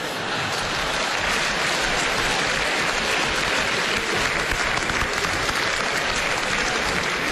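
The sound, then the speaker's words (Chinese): A steady burst of audience applause fills the whole stretch, dense and even clapping from many hands at a loud, constant level with no voices over it. “谢谢大家的掌声，谢谢。”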